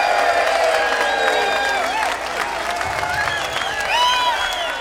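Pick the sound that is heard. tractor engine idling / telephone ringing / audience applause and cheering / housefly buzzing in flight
audience applause and cheering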